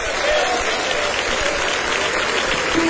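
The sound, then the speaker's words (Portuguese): An audience at a religious service claps hands steadily to welcome a pastor, a dense, continuous wash of many overlapping claps at full volume, with a faint murmur of voices underneath. “Levanta as duas mãos, nós vamos recebê-lo com palmas e glória para Jesus.”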